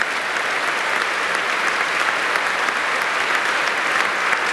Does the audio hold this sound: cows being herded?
no